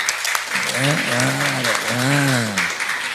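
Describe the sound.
Steady applause from a crowd fills the whole stretch, a dense, even patter of clapping, while a voice talks over it in the foreground.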